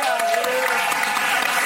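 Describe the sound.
Steady audience applause, a dense crackle of many hands clapping at once, fairly loud and continuous for under two seconds with a faint murmur of voices beneath.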